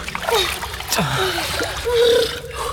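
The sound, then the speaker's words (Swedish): Icy cold water sloshes and splashes continuously for a few seconds, fairly loud, as someone swims across to climb out ashore, with brief voiced grunts or gasps mixed in. “Vi måste simma.”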